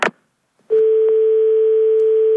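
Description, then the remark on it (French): A short click, then a steady, continuous telephone dial tone hums on without a break, loud as if heard through a handset, after the call was cut off. A couple of faint clicks sit under the tone. “Ah, on a été coupé. Allô ? On a été coupé.”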